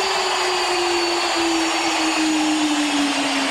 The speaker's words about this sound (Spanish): Impresionante ovación para Lionel, para el jugador de todos los tiempos, para el que vistió 20 años esta camiseta, para el que dejó un legado. La gente levanta y baja los brazos en una reverencia al mejor de todos los tiempos.